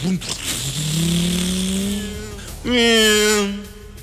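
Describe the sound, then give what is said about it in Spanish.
A motorcycle engine revs up loudly, its pitch climbing, then surges again in a second sharper burst as it speeds away, its rider going on ahead. “Vaya usted, adelántese en la motocicleta.”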